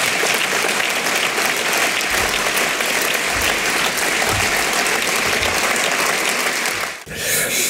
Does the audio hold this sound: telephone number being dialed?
no